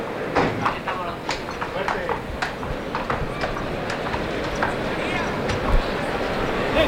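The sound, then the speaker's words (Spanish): Horse hooves clip-clop in an irregular rhythm across the dirt arena of a bullring as the picadors ride in, over a dense murmur of a large crowd and background chatter. The picador's horse is a 7-year-old chestnut weighing 560 kilograms. “Ya están los picadores en el ruedo.”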